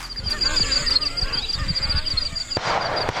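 Waterfowl honk repeatedly in a busy, overlapping chorus, loud, with a sharp burst of noise near the end.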